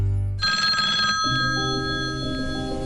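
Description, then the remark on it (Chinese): A telephone rings loudly with a steady electronic tone, alone without any voices, representing a call from someone impersonating platform customer service. Partway through, the ring shifts to a lower pitch and keeps going until the end. “接到冒充平台客服电话说可以给你退款理赔，千万别轻信，不要按照对方指引操作转账，提供银行卡信息，官方业务请在原有 APP 内核实。”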